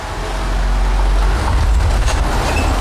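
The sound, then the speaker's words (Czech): A car drives down the main decline tunnel of a Diamo mine at Zlaté Hory toward the Zlaté Hory Západ site underground, its engine and road noise forming a loud, steady low rumble that fills the whole stretch without pause. No one speaks. “Sjíždíme vlastně takovým autotunelem.”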